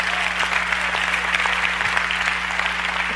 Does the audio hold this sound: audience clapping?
yes